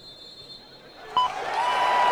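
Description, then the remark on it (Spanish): A minute of silence gives way to a stadium crowd breaking into emotional applause, the dense clapping and crowd noise swelling steadily louder over the last second. “Y el aplauso emotivo.”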